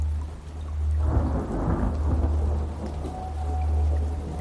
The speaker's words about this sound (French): des grosses gouttes de pluie commencent à tomber après un accablant jour torride et sans air.